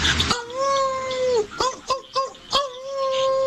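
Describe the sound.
A voice imitates a dog in heat: a long, steady whining howl followed by several short, rising yelps and whimpers, fairly loud, with no other talking.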